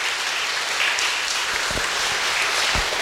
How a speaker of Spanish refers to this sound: Para todos los padres, un fuerte aplauso en el día de hoy y que Dios los bendiga siempre.